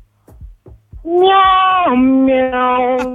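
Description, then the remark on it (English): A drawn-out, loud meow, most likely a voice imitating a cat as a sign-off instead of bye on the radio station 101.7 Kids FM Abuja, sustained for about two seconds with a dip in pitch partway through, after a few short soft sounds. “Meow, meow. Meow, meow”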